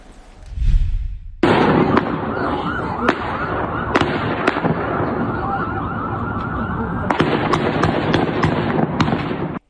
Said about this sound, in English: This morning, new video showing a suspected gunman exchanging fire with police after shooting at multiple cars along a busy Massachusetts road.